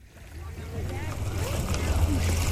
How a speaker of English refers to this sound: Water gently slaps the shore of Trooper Island on Dale Hollow Lake in Clinton County.